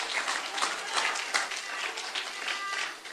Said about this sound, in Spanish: Un aplauso al Señor en esta linda noche. ¡Oh, gloria!